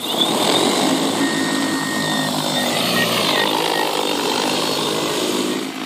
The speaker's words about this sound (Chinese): 将变量施肥方案分享给即将作业的农业无人机，面对同一块田里的作物，无人机就可以根据不同长势自动判断多施肥、少施肥或不施肥。